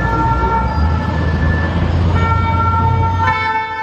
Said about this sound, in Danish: Protester blandt franske studerende har taget et gevaldigt nyk op og breder sig. Der er sirener og tumult i gaderne, fordi ja, der er blandt andet biler, der sættes i brand.